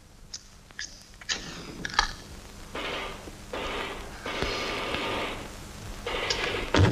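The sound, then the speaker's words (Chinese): An old telephone line to the Tang unit is worked over and over without getting through: a few sharp clicks, then several rasping, buzzy bursts of cranking or ringing. There is no voice and no answer. “啊，伙计，你们唐部这个电话怎么搞的？老打不通呢。”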